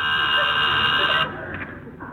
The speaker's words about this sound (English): There's someone at the door. There is? Didn't you hear the buzzer? No.